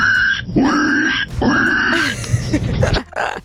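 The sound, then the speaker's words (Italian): A caller from Bologna imitates a pig, making two loud, rough, nasal grunts in quick succession, followed by a few shorter raspy snorts before stopping abruptly. “io so fare il verso del maiale.”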